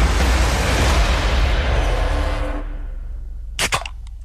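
A soft drink can, can number two in a guessing game, being cracked open: a loud, steady fizzing hiss that fades out, followed by a couple of sharp metallic clicks near the end. No talking.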